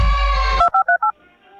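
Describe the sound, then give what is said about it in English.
A steady phone tone cuts off into four quick, evenly spaced keypad beeps, each a clear dual-pitched tone, loud, with no voices. “pick up the phone, please.”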